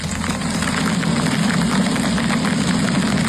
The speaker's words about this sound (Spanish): Es el sonido del granizo del tamaño de pelotas de golf que ayer por la tarde cayó en Casas Bajas. Es las tormentas.